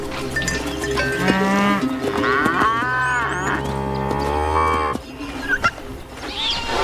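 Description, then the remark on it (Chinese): Cattle low repeatedly in long, drawn-out moos that overlap one another, loud, with a steady low rumble of the herd beneath and no one talking; thousands of goats, cattle and camels crowd a wildlife reserve, driven by herders to gather by the river. “成千上万的山羊、牛和骆驼挤满了保护区，大象甚至把水井边的位置让给了他们。”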